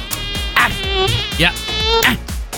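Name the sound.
mosquito buzzing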